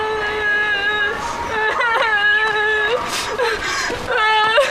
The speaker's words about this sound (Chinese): 你哭什么？你没上手啊？你不会打他呀？